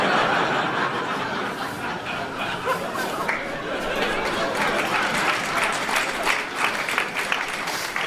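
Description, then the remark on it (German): Steady audience applause fills the whole stretch, dense and even, with a little laughter and crowd murmur mixed into the clapping. “Alle, die klatschen, haben das auch schon mal erlebt, hast du gemerkt?”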